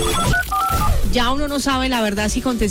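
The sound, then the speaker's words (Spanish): A telephone rings with short electronic tone bursts at the start, fairly clear, before a man's voice begins talking over the end of the sound. “Hablando de noticias, esa también que es bien interesante, tiene que ver con esas llamadas incómodas que uno en muchas ocasiones recibe y ya uno no sabe la verdad si contestar este teléfono.”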